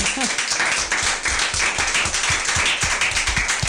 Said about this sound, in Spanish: Buenísimo, vamos a aplaudir.